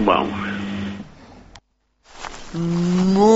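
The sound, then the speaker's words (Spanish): A cow, Margarita, presented as the most-followed influencer cow in Uruguay, moos twice, loud: a long low bellow, a brief silence, then a second rising moo that carries on to the end. “Soy Margarita, la vaca influencer más seguida del Uruguay.”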